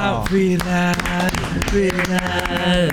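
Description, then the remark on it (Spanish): Applause in the form of sharp, irregular hand claps, a dozen or so in quick succession, heard over a steady, loud voiced tone that carries through the whole stretch. “¿y este aplauso?”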